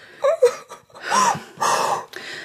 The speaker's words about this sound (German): Nun weinen Sie wieder wie früher.